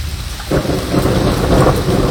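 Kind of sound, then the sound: nature, rain falling with thunder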